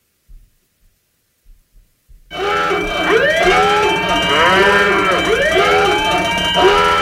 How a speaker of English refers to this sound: Hot take. That's what it is. There's our hot take alarm.